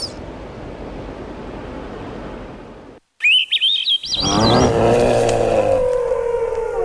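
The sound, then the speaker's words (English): Steady surf washes over a sandy beach exposed at low tide early on a summer morning, then a flock of gulls foraging on Pacific sand lance erupts in loud, overlapping cries and squawks, layered over the continuing roar of waves. “Early on a summer morning, a horde of gulls is busy on a sandy beach exposed at low tide.”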